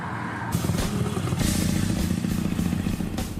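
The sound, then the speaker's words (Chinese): The motorcycle of enthusiast Lai Shaoxiong roars, its engine revs rising and holding at a loud, steady growl with some mechanical clatter throughout. No voices can be heard. “赖少雄，一个摩托车达人，在他的生活里，摩托车和美食几乎占据了全部。”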